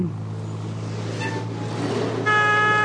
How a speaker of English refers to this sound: Wow! Look at that old blue van go by. That guy isn't being patient.